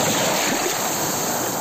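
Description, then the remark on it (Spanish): Ocean waves on the beach of Laxe, on the Costa da Morte, make a loud, steady rushing wash of surf that fills the whole moment with dense noise, without a single distinct crash standing out. “Así soan las ondas na praia de Laxe.”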